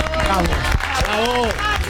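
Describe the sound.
An audience applauds steadily at a loud level, with scattered sharp claps and voices calling and cheering over the clapping throughout.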